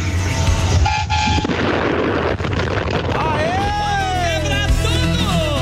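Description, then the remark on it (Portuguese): Car horns honk amid a loud, dense crowd din: a steady held blast early on, then several overlapping, wavering horn tones sounding together toward the end. “Ô, povo que gosta de buzinar totalmente, hein?”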